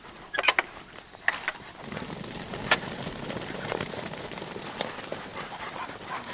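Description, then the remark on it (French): A man opens the metal gate of a duck enclosure: it creaks open with sharp clanks and rattles near the start, followed by a sustained scraping creak and faint outdoor noise. “C'est lui qui nous ouvre d'ailleurs les portes de l'enclos des canards.”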